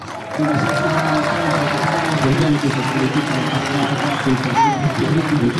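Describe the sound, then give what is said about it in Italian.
A large crowd at a strumpa wrestling match claps and cheers steadily for several seconds for two local wrestlers, a dense wash of applause mixed with shouting voices, loud, with no pause. “Oggi la maggior parte degli applausi sicuramente va ai due lottatori di qui,”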